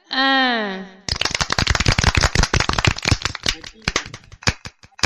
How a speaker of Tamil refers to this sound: என்னமாப்ள, கைத்தட்டுறத நாங்களா நிறுத்திட்டோம், நீங்க இன்னும் விடாம தட்டிட்டே இருக்கீங்க.